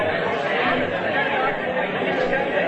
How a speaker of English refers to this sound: Mamma Mia, there's such a big crowd. There's so many people.